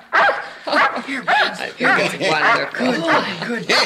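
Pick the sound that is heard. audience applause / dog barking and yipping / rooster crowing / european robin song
dog barking and yipping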